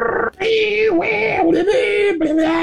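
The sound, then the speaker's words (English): A voice imitates the screeching of a dial-up internet modem connecting, like the AOL dial-up service of the 1990s and early 2000s: loud, steady, high nasal tones that waver and shift pitch in several segments, broken by brief gaps, for under three seconds. “That annoying screeching sound, dial-up?”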